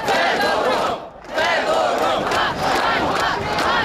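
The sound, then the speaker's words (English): A large crowd of young Ukrainians in a square in Kiev chants "Shame, shame" in loud, rhythmic unison, their massed voices swelling in repeated waves with a brief dip before resuming. “Shame, shame, they chant.”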